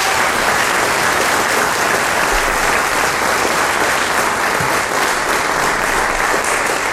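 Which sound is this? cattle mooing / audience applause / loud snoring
audience applause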